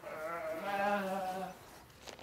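A single sheep bleats in a long, wavering, nasal cry lasting about a second and a half, then fades into faint rustling and clicks. No one speaks.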